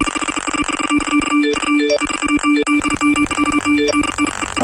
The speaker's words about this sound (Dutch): Kijk eens, de berichtjes komen binnen.